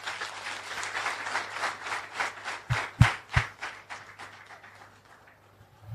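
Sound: applause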